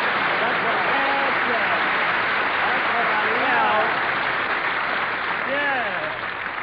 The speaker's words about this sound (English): Okay, folks, the show may be flopping, but now Harris is here to start things popping, so shower me with that sun-kissed applause.